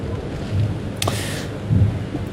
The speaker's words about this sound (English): Well, it's not as threatening as that, a sign of thunder in the background.